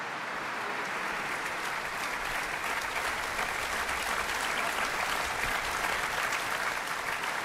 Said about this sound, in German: Sie merken vielleicht, ich habe ein bisschen Schwierigkeiten, stimmlich gegen den Applaus anzukommen. Hier in der Kirche ist alles offen. Aber es ist auch ein sehr begeistertes Publikum hier beim Abschlusskonzert der Festspiele Mecklenburg-Vorpommern